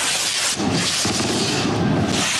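A dense, continuous barrage of rockets launched simultaneously by about twenty chupineras in historic costumes at the Arenal in Bilbao during the Aste Nagusia festival; loud hissing and crackling with overlapping booms and no pauses, and no voices.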